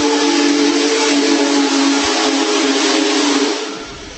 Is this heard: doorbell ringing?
no